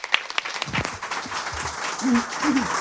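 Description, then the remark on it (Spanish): An audience at the evening presentation of the book Los Molinos applauds steadily, a dense wash of many hands clapping at a moderate level, with a few sharper individual claps and faint voices murmuring underneath. “Bueno, me se escuchan los aplausos hasta más allá de lo que vemos, así que saludos y bienvenidos y bienvenidas a todas y todos esta noche”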